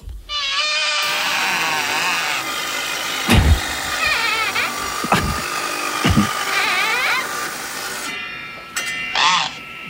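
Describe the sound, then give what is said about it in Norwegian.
A band saw runs with a steady high whine and hiss, its pitch wavering and squealing as it cuts, with a few dull thumps along the way, then winds down near the end. “Det er en båndsav, ja. Det er fuldstændig korrekt. Den brugte en båndsav der.”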